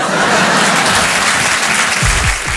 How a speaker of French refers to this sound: Oui, c'est rentré d'un seul coup, l'applaudit bien fort